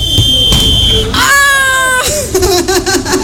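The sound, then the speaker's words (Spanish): A referee's steady, shrill whistle blast holds for about a second, signalling a player's shot in a game, followed by a harsh buzzing tone and excited shouting voices over background noise. “Ok, acá nuestro árbitro nos dice al escuchar el silbatazo.”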